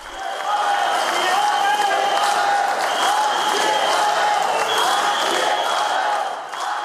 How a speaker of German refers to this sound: Während einige der Zuschauer Staatspräsident Petr Pavel auspfiffen, skandierte eine große Menge seinen Namen.